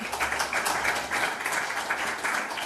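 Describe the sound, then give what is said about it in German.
An audience at an event applauds a welcomed guest steadily, many hands clapping in a dense, crackling wash that holds an even loudness for the whole few seconds, with no voices over it. “Genau, einmal auch ein Applaus für Sie.”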